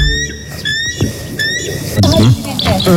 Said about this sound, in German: Also so klingt zum Beispiel der echte Weißkopfseeadler.